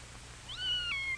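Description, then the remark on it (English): A single drawn-out meow from Anna the cat, high and slightly wavering, rising then falling over about half a second, heard clearly against a low steady hum with no talking. “He makes friends with Anna the cat.”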